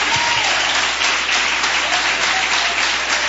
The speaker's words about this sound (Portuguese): Vamos receber o servo de Deus com aquelas palmas de vitória para Jesus.